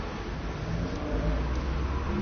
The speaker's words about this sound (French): Un scooter de livreur de journaux.